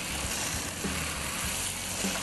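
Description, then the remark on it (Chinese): A steady sizzle of dried tofu being stir-fried in hot oil until crisp, with soft scraping and stirring sounds, continuous and moderately loud, no voices. “豆干炒的时候只有加油而已吗？”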